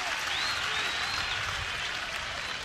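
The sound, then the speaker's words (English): A baseball stadium crowd applauds steadily after a Huskers batter takes a ball to level the count at 2-2, a dense wash of clapping and cheering that holds an even, fairly loud level for the whole stretch, with a faint whistle rising briefly through it. “I've never heard so much applause for a Husker taking a ball since I've been doing this.”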